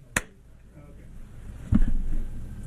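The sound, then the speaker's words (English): Two sharp, isolated claps about a second and a half apart, a slow deliberate clap over faint background noise. “all I can do is 80s movie slow clap.”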